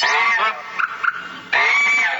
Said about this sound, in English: And like humans, birds use their voices to attract mates. That's why birds sing so much in spring. They're trying out their latest material.